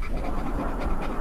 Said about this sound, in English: Oh, it sounds like my dog after he chases his dog. That is a dog.